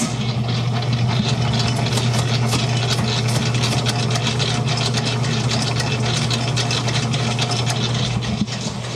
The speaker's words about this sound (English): It's got a big metal screen around it. It also has a motor that goes all the way up to 4, and that is really fast. But we use this to mix big batches of dough, big batches of icing, and I can give you a sample of that.